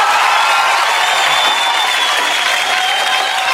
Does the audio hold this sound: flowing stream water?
no